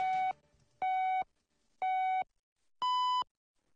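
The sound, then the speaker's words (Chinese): Radio hourly time signal marking 12 o'clock Beijing time: three short, evenly spaced electronic beeps about a second apart, then a fourth beep at a higher pitch. The tones are loud and clean, with silence between and no talking. “现在是北京时间12点整。”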